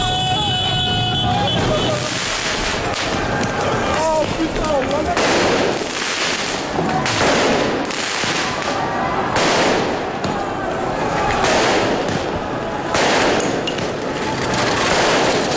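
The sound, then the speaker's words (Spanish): Repeated loud bangs and crackling bursts of fireworks being launched in a street in Paris during celebrations of a team's win, spaced every second or two, over a dense roar of crowd noise and shouting. “Eso son lanzamiento de fuegos artificiales, me imagino que también alguna pelota de goma de los antidisturbios.”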